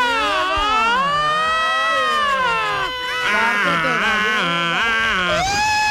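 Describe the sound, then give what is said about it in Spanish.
A person loudly imitates an ambulance siren with their voice, a sustained wail sweeping up and down in pitch for several seconds, broken by a brief pause midway. “No, lo mío era sirena, pero de ambulancia”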